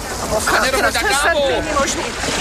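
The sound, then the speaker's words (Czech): Water sloshes and splashes steadily around a sinking boat, a continuous rushing wash, while voices talk over it. “Chcete nám radši pomoct vylejvat vodu? To není v mé náplni práce. Revize jízdenek. My se potápíme, kde se kontrolují jízdenky.”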